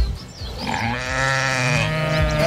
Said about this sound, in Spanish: Una oveja. Nace la oveja Dolly, el primer mamífero clonado a partir de una célula adulta.